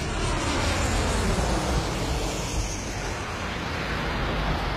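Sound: airplane landing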